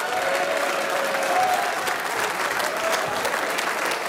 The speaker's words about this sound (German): Applaus für unsere Guttauer Stummhocker.